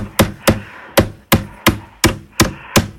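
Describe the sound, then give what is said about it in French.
A hammer drives a nail with eight sharp, solid knocks in a fairly steady rhythm, each strike crisp and loud with a brief ring, and no voices. “Bravo, un marteau qui plante un clou.”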